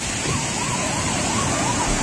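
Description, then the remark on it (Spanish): Loud, steady roar of the rain-swollen Alberche river rushing past the Romanesque bridge of Navaluenga, its waters stained black with ash from the summer's wildfires, filling the scene without a break, while a faint wailing siren rises and falls in the background. “Escuchamos el sonido del río Alberche a su paso por el puente románico de Navaluenga.”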